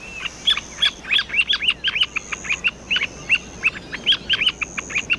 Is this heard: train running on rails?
no